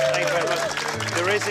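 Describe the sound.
A dense, steady wash of audience applause fills the short moment, loud and continuous, with a sustained musical tone and crowd voices mixed underneath.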